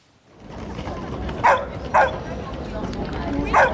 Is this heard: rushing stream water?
no